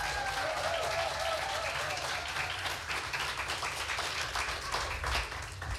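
An audience claps steadily for several seconds to welcome the last competitor of the first preliminary round, who comes from Husum, onto the stage: a dense, continuous wash of applause at an even loudness with scattered individual claps, and a faint whistle tone early on.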